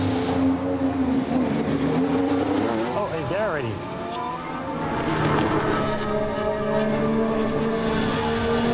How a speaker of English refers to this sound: Firing up, the car is ready to go.